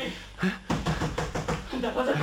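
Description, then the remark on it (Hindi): Several firm knocks on a door in a quick, uneven series, fairly loud, with a voice murmuring underneath. “James, जल्दी से दरवाजा खोलो।”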